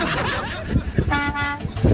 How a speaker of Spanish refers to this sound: Ah, mi compadre, el trailero que ya le pitó al claxon. Mira, escucha el claxon, escucha el claxon. güey, ese claxillo se escucha chiquillo, güey. No, pero es que está dentro de la cabina, por eso.